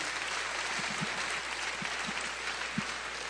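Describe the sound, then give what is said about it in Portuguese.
An audience applauds together, giving applause to the Lord in the name of Jesus: a steady wash of many hands clapping at moderate loudness, with a few sharper individual claps standing out, and no one speaking over it. “E eu queria que você desse um aplauso ao Senhor, em nome de Jesus.”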